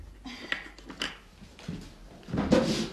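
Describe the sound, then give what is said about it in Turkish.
Drawers of a wooden desk with many drawers slide and knock open a few times, with short scraping bumps and a louder, longer rumble of a drawer pulled out at the end. “Öyle çok çekmecesi var ki. Bak, bak içine.”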